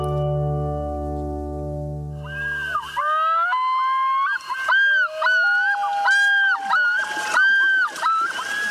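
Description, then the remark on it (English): A common loon calls in a series of loud, wavering, yodel-like notes that rise and fall in pitch, following a few seconds of a steady low humming tone. “This common loon is one of several birds that is graceful in the water but nearly immobile on land.”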